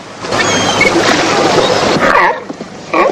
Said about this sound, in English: Grey seals. They look nice and friendly.